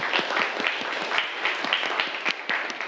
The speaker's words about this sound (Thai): ปรบมือให้เพื่อนด้วยครับนักเรียนนะครับ